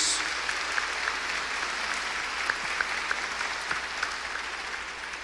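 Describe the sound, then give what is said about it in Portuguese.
An audience at a Eucharist celebration in a sanctuary claps steadily in applause for the word of God, a dense wash of many hands applauding together with small sharp accents scattered through, sustained for several seconds with no talking. “salva de palmas à palavra de Deus.”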